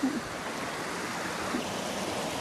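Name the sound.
flowing stream water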